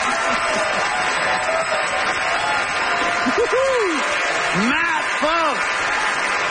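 Steady audience applause fills the whole clip as the audience votes by applause on whether dipping sauce is awesome, a dense crackle of many hands clapping, with several rising-and-falling whoops and cheers joining in toward the end.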